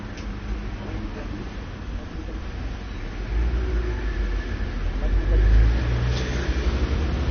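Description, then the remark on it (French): A wholesale meat truck rumbles past on a busy street near Boulevard Saint-Germain, its low engine drone swelling louder midway before easing off, with steady traffic noise all around. “Passe un camion de Port-en-Gros, viande dionysienne.”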